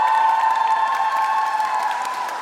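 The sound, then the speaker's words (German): A crowd claps loudly and steadily in dense, continuous applause, with a faint sustained tone running underneath and no voices speaking over it, from those going to Dortmund for the Eurovision. “Und alle, die mit nach Dortmund kommen, mach mal einen fetten Applaus!”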